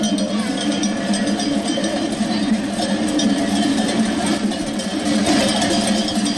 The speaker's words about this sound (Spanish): Un gran rebaño de ovejas transitaba desde antes de las 8 de la mañana por diversas calles de Huesca, llamando la atención de transeúntes y conductores.